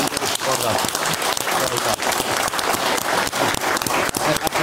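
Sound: audience applause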